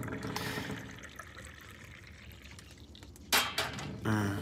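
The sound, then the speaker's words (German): A steady stream of tea is poured into a cup with a soft, continuous gurgle, then a few sharper clinks and splashes toward the end as the flow stops and the cup settles. “So, noch eine letzte Tasse Tee.”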